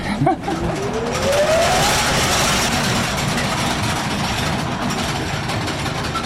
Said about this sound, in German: Und wir haben hier eine sogenannte Schremmmaschine, die hat sozusagen einen Schlitz in das Kohleflöz geschnitten, damit die Kohle besser rauszubrechen war, also besser abzubauen war. Muss man jetzt die Ohren zuhalten? Besser wäre.